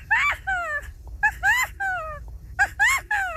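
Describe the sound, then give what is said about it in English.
A 12-year-old boy imitates a California quail's call, repeating a high, whistled phrase of two or three rising-and-falling syllables three times with short pauses between. “California quail.”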